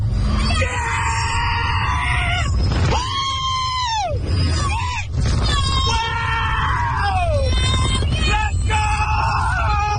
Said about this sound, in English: Nearby residents told of, quote, screams, blood-curdling screams that penetrate closed windows and doors every 30 seconds for about 10 hours straight when the park is open.